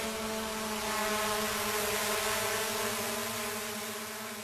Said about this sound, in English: Over the past 9 months, the skies over Moree have looked a little different. Two remotely operated police drones have been patrolling the air, and it's unsettling to some locals.